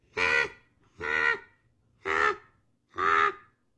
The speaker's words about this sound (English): This is a raven, common raven.